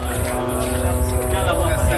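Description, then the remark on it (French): A constant, steady buzzing of drones circling overhead the war-damaged town of Tibnine, Lebanon, a few hundred metres from the front line, a continuous engine-like drone with layered humming tones that holds at an even level throughout without pause. “Le bourdonnement permanent des drones qui tournent au-dessus de la ville, un son devenu quotidien et qui rappelle que la guerre est toujours là,”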